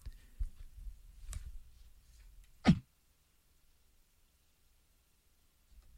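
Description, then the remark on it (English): A single sharp cough bursts out loudly on air at WRCT Pittsburgh radio, preceded by a softer throaty catch a moment earlier, then it falls nearly silent. “Got a bit of a cough going here.”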